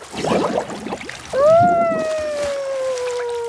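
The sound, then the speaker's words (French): Gurgling bursts of bubbles blown into water fill the first second, then give way to a long, sliding, whale-like tonal call that lingers to the end. “Il s'amuse à faire des bulles dans l'eau.”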